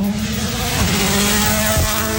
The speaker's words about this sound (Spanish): Vemos, ya escuchamos, escuchamos parte del ambiente, ojo, que se aproxima un auto, escuchemos.